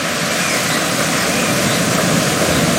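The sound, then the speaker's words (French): A steady, loud roar of the Rivière d'Argent, which comes from the Lac de Helgoat, falls several metres and winds between rocks in the Grotte du Diable, a dark, damp cave. Its dense hiss echoes off the rocky space. No voices are heard. “Vous entendez, elle vient du lac de Helgoat et chute de plusieurs mètres, serpente ensuite entre les rochers.”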